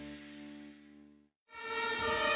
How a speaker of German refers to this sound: Manchmal kommt Hilfe laut mit Blaulicht und Sirene.